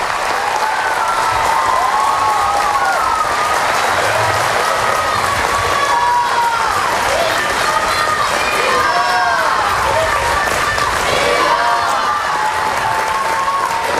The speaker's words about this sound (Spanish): El Papa ha sido recibido con una enorme ovación y unas torres de casteller, lo típico de Cataluña. Así escuchábamos la ovación del Papa, la llegada del Papa a Barcelona.